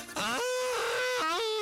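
In open countryside, a cow gives a hoarse, strained moo in two drawn-out calls, each rising in pitch and then holding steady, rough and fairly loud with no talking over it.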